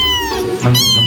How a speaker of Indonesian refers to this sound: Ternyata kucing punya kemampuan vokal super lengkap. Mereka bisa menghasilkan hingga 100 jenis suara yang berbeda. Mulai dari mengeong, mendengkur, chirping, trill, hingga suara-suara unik lainnya.